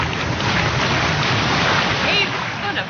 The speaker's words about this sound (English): When the wave comes in, I can jump and the wave carries me for a long ways.